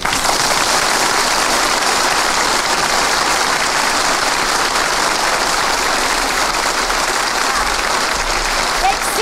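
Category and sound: crowd, audience applause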